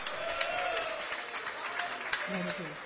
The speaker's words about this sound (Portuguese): Você já tome os seus assentos, desocupe primeiro as suas mãos, isso, e vamos a Ele em glória. Agora que você desocupou as tuas mãos, palmas e glória a Deus. Glória a Deus com palmas.